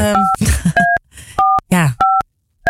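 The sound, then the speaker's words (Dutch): A handful of short, clear telephone keypad beeps sound one after another as a number is dialed to call the speakers' own employer, their boss, with voices chattering and laughing over and between the tones. “Oké, dus wij gaan onze eigen werkgever bellen.”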